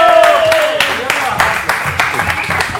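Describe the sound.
An audience breaks into steady applause for a performer who turns paper into banknotes, a dense wash of many hands clapping, with voices and a brief rising whoop mixed into the noise.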